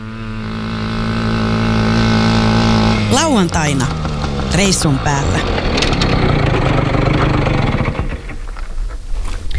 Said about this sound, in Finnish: Se on kun mopolla menee, niin semmoista.